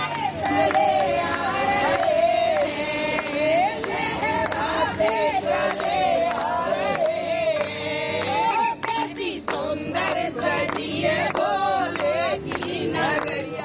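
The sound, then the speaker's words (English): A large crowd of devotees arriving in Jammu ahead of the annual Sri Amarnath Ji Yatra loudly chants "Bam Bam Bhole", many overlapping voices shouting in a steady, rhythmic surge that keeps up without pause, with sharp bursts of cries throughout. “With chants of Bam Bam Bhole echoing through Jammu, thousands of devotees have begun arriving ahead of the annual Sri Amarnath Ji Yatra, which begins on July 3rd.”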